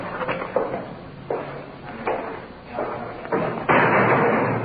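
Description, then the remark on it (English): A heavy iron door at a police station swings and slams shut as officers take a suspect inside, a series of loud metallic thuds and clanks with a broad rumble lingering between the impacts. “Through the big iron door inside.”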